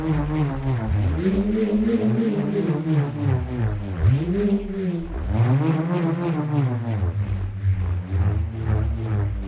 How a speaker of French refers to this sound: Le rhombe, par exemple, est un petit morceau de bois fixé à une corde qui vrombit lorsqu'on le fait tourner dans les airs.